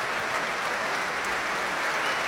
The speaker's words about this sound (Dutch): Applaus ook voor haar.